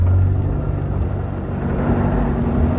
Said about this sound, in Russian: Какая-то машина тяжело пыхтя брала подъем высокого холма. Мадам Филиппа прижалась лбом к стеклу катафалка, а машина медленно карабкалась все ближе и ближе.